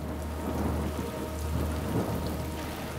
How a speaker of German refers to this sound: Eine Gewittersintflut bricht los.